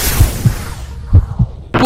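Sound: heartbeat sound effect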